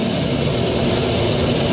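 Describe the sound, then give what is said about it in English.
Harsh, grinding synthesizer tones pile into a dense, continuous wall of noisy sound, loud and steady throughout with a rough, creaking texture and no voices. “A whole bunch of wild tones is coming in. Very ugly, creaking sounds.”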